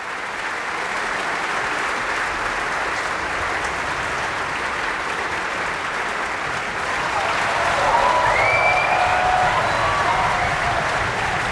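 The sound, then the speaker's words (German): Sustained applause from a large indoor opera audience in Bayreuth, Germany, celebrating a soprano as she leaves the stage after a performance: a dense steady wash of clapping that swells slightly near the end, with faint cheers or whistles rising above it. “Dieser Applaus ist für Camilla Nylund, die Brünnhilde, heute Abend.”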